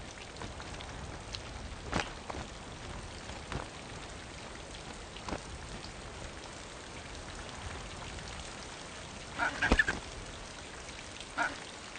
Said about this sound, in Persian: این باران برایشان کشنده است.